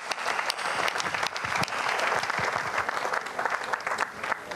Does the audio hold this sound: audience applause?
yes